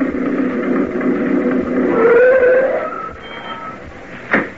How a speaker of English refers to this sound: the Martin family pulled up in Sam's old truck. We could have heard it coming a couple of miles away.